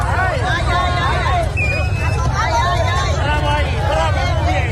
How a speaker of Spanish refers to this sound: Es el momento en que un grupo de manifestantes la emprende a golpes con el coche de la diputada de Ceuta, ya Julia Ferreras.